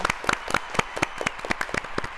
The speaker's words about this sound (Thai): ตอบถูกทั้งคู่ค่ะขอเสียงปรบมือด้วยค่ะ